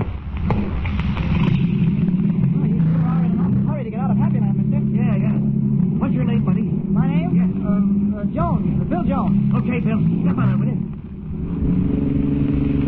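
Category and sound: vehicle, car engine driving away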